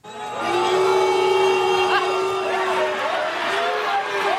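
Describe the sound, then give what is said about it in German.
A large stadium crowd boos in a steady, drawn-out roar of many low voices that holds at an even loudness for several seconds, with occasional higher shouts rising out of the din, as Brazil's Neymar steps up to take the last penalty in a football match Brazil loses 2-1 to Norway. “Die einen buhen schon, bevor Brasiliens einziger Superstar Neymar überhaupt zum Schuss für den letzten Elfer ansetzte.”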